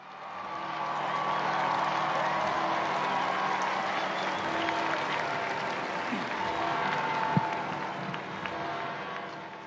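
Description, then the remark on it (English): A large, enthusiastic crowd applauds continuously to welcome the Holy Father as he appears for the Sunday liturgy, a dense steady wash of clapping with scattered cheers and voices mixed in, holding at an even, fairly loud level throughout. “We join this enthusiastic crowd to welcome the Holy Father.”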